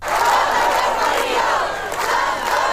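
A large protest crowd against mass tourism chants and shouts together in the street in Sóller, Mallorca, where 1,000 people (official figures) or 2,500 (organizers) marched. A dense, loud wall of many voices holds steady for about three seconds with slight rises in intensity.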